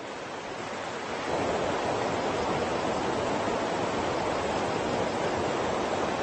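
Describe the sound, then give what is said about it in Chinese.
A steady, dense roar of water rushing over a waterfall, swelling slightly louder after the first second and then holding constant with no voices. “鱼儿为了繁衍后代，必须逆流而上，越过这道瀑布。”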